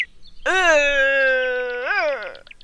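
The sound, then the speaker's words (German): A single drawn-out roar of a red deer stag during the rut, a loud moaning, harmonic call holding steady for about two seconds, then swelling briefly and falling away, with faint bird chirps behind it. “Und Röhren klingt etwa so.”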